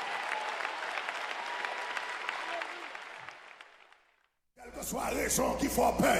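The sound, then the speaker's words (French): A large audience applauds steadily for about four seconds, the clapping dense and sustained before fading out; after a brief silence, a voice starts speaking. “Bah, l'éternel, on applaudit, on va applaudir.”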